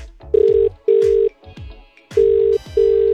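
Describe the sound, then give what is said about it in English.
A telephone ringing tone heard down the line as a call is placed to offer someone concert tickets, two pairs of steady buzzing rings separated by a short pause, loud and clear with a faint thudding backdrop. “Come on. Pick up the phone.”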